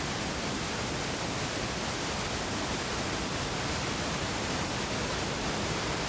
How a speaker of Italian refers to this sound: lungo l'attuale corso del fiume Toce scorre invece l'acqua potente e impetuosa.